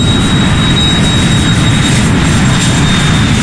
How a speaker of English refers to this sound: When my parents moved near JFK Airport, I would watch the planes flying overhead